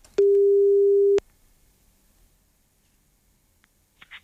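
A single steady telephone ringing tone sounds for about a second at a constant pitch, loud and clear, as a call is placed to a listener drawn by lot, then cuts off into near silence broken only by a few faint clicks.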